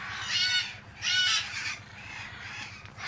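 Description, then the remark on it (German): Loud, harsh squawks of red-fronted macaws ring out in two strong bursts, then softer raspy calls continue, echoing slightly in a large aviary at Loro Parque, where two male red-fronted macaws are to be caught; no talking. “soll aus einer Großvoliere zwei Rotohr-Aras holen”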